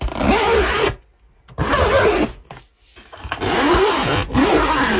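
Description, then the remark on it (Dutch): A suitcase zipper is pulled in long, rasping strokes, loud, with brief pauses between pulls as the suitcase is opened and then closed again to go on holiday. “Het open en sluiten van een koffer om op vakantie te gaan.”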